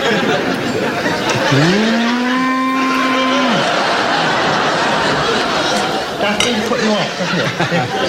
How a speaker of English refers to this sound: I mean, if you can picture that steak loping about a field, mooing.